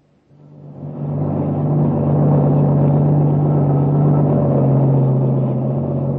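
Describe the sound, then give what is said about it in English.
A heavy truck engine rumbles steadily as it drives along a highway at speed, swelling in over the first second and then holding a loud, continuous drone with a deep hum. No voices. “When the truck arrives, we'll be there.”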